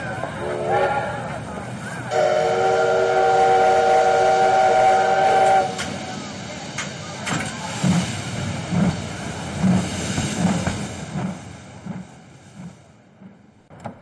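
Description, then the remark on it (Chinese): A train bound for Jiamusi sounds one long, loud, steady whistle blast, followed by the low rumble and clatter of the train pulling away, fading gradually as it departs. “周乙和任长春把顾秋妍送上了火车。”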